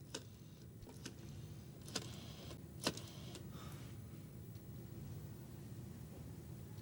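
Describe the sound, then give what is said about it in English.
A steady low rumble of a car interior on the move, with constant road and engine hum and a few sharp clicks and ticks scattered throughout, no voices. “The one I'm driving to right now.”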